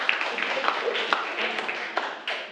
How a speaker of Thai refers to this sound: ครับโอเคปรบมือให้กับกลุ่มเพื่อนด้วยนะครับ